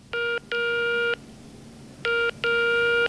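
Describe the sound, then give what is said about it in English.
Four clear electronic touch-tone beeps from a phone keypad as the number 12345 for the Beijing 12345 Citizen Service Hotline is dialed, coming in two pairs of one short tone followed by a longer one, fairly loud with no talking. “So, one day she picked up the phone and dialed 12345.”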